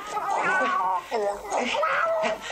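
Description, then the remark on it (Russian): A cat held by the scruff by Shurik yowls loudly, a string of drawn-out, wavering cries that rise and fall in pitch with only brief pauses between them. “Шурик держит кота за шкирку.”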